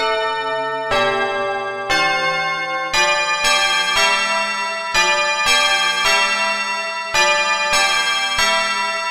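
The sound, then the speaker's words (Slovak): Church bells of a large town in the distance peal in a steady sequence of strikes about once a second, each ringing tone overlapping the last in a rich, sustained wash. Loud, with no voices. “Keď sa mu už od hladu nohy podlamovali, zbadal v diaľke veľké mesto a začul vyzváňanie zvonov.”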